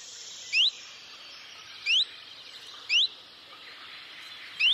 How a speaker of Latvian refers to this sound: čunčiņš ziņo ar citu saucienu, taču tas arī līdzīgs. Tas ir līdzīgs visiem lapu ķauķīšiem, svirlītim, čunčiņam, vītītim.